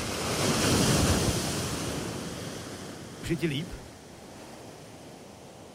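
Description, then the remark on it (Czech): Ocean surf rolls and breaks in a broad, hissing wash that swells and slowly recedes, with wind noise underneath and a brief spoken question partway through. “Ještě čekám na další vlnu. Jo, už jede, je mi dobře.”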